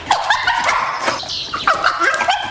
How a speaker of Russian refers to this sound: Когда Топ звал нас к мистеру Сайрусу, он лаял точно так же. Что? Ты хочешь показать нам дорогу, Топ?